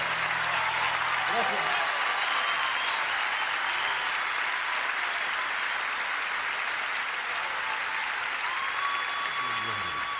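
Sustained audience applause fills the whole stretch, a dense, steady roar of clapping hands with a few brief tonal sounds rising briefly above it.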